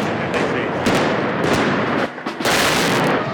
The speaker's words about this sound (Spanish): pega muy fuerte el petardazo cuando disparan.